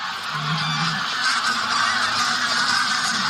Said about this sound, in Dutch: Er vliegen een hoop ganzen in de lucht omdat daar boven onze zeearend vliegt.